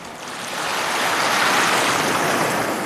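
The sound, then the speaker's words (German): Steady rushing of water, like surf washing onto the shore of Lamu, an island off the Kenyan coast in the Indian Ocean, swelling slightly and holding a broad, even hiss throughout. No voices are heard. “Lamu, eine Insel vor der kenianischen Küste im Indischen Ozean.”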